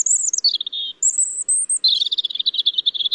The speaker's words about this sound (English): These are two different robins, the first in a city, the second out in nature.